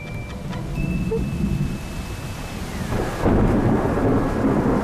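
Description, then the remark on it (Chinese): Steady rain hisses throughout while deep thunder rumbles underneath, swelling louder about two-thirds of the way through. No voices, just the continuous wash of a storm. “怎么下雨了？”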